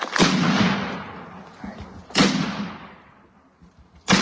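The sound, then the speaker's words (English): Three heavy cannon blasts of a ceremonial salute by the New Ulm Battery in Minnesota, honoring World War II Medal of Honor recipient Willibald C. Bianchi, fire roughly two seconds apart, each a loud, sharp boom that rolls out and echoes away across open ground before the next shot. “A three-cannon salute from the New Ulm Battery helped honor World War II Medal of Honor recipient Willibald C.”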